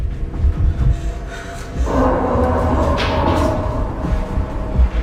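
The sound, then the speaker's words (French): A table is shoved across the floor against a door with a long, grinding scrape that starts after a few low bumps and thuds, then drags on steadily and loudly until a final knock. “Faut pousser la table contre la porte!”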